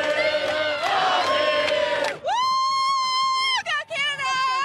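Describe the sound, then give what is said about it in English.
A crowd of Canadian soccer fans in Los Angeles, at Sunday's World Cup game, cheers and shouts loudly together for about two seconds, then a long, steady, high-pitched blare rises over them and holds, breaking briefly near the end. “in Los Angeles, where there is much jubilation among Canadians there”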